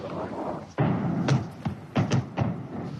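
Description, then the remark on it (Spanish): Several muffled booms roll in from far away, a dull blast followed by a quick irregular string of thuds over a steady rumbling outdoor background, like distant explosions. “¿Has oído las explosiones? Sí, justo ahí. El polígono se encuentra justo detrás de esa colina.”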